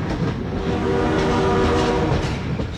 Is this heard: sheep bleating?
no